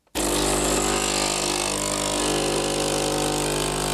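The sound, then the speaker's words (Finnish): An espresso maker kicks on abruptly and brews with a loud, steady mechanical drone, a constant buzzing hum with a low tonal whine that holds unchanged throughout, with no voices. “Tämä on tyypillisen espressokeittimen ääni.”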